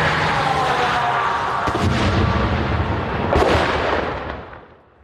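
A loud, close explosion in Ukraine, apparently targeting an armoured vehicle, fills the air with a heavy rumbling roar, broken by sharp cracks as shrapnel rattles down onto tarmac, before the noise fades away at the end.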